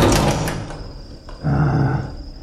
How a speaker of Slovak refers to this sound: zatvor dvere.